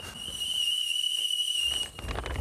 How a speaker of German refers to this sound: Oh, ich höre den Teekessel schon pfeifen.